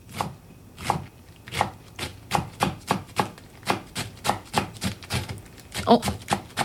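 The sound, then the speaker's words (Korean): A knife chops green onions on a wooden cutting board in a steady run of crisp taps, about two or three per second, with no talking. The green onions are not cutting through cleanly. “자, 도마 위에서 채소를 써는 소리예요.”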